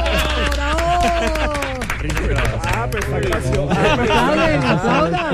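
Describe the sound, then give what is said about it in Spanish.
Hands clap in scattered applause from a small group, mixed with overlapping voices and lively chatter throughout, all fairly loud. “Aplaudan, ¿por qué no aplauden? ¡Bravo!”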